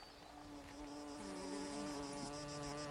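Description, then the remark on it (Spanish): A dense chorus of flies buzzing together in the wetlands of a lake, a steady, droning hum of many overlapping tones that holds at an even, fairly loud level throughout, with no voices present. “Las moscas se reúnen en los humedales del lago para entonar un largo canto.”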